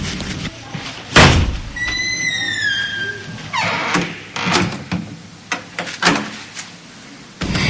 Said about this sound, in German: Sie brachte Bohnenstange auf ihr Zimmer, knallte wütend die Tür zu und drehte den Schlüssel im Schloss um